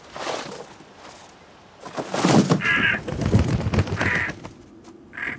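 A bird caws loudly, several harsh, raspy calls in an irregular sequence, with a rougher burst of squawking in the middle and shorter caws toward the end.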